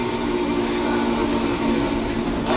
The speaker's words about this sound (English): To recreate the sonic magic of the 576's whistle, Alex Mullen spent 6 months building it with video game software and a flight simulator throttle. And I think it is the most accurate whistle simulator anyone's ever made digitally.